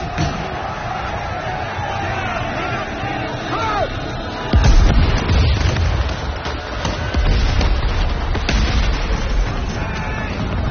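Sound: cannons firing in battle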